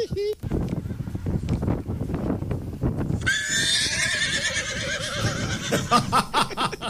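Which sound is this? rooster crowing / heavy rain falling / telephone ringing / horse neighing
horse neighing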